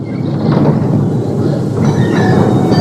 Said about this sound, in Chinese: 新京街道的有轨电车上，车上的人不多